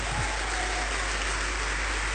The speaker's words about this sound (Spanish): ¿Cuántos le damos un fuerte aplauso al Rey?